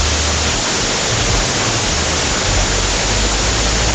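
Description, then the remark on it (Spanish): Heavy rain pours down in Chillán in a steady, dense roar that stays loud and unbroken throughout, a thick wash of noise with a low rumble underneath and no voices. “en este momento en Sullán tiran el agua con balde”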